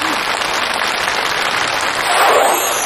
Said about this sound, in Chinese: 谢谢，感谢您的掌声， 谢谢大伙儿。 哎，我们一走上来，您报以这么热烈的掌声，